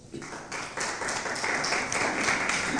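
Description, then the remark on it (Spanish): Audience applause builds quickly into a steady, dense wash of many hands clapping, staying fairly loud and even for a few seconds with no voices standing out. “Un aplauso, por favor.”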